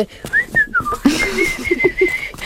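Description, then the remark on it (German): A person whistles a series of bird-like calls imitating forest birds, first rising and falling chirps, then a steady high warbling tone over soft low cooing sounds, moderately loud with no speech. “Ich glaube, wir brauchen ein bisschen Waldatmo. Ich mach mal ein paar Vögel.”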